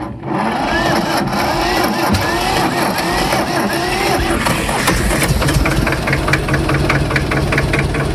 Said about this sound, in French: Allez, on teste un autre tracteur, le petit vert.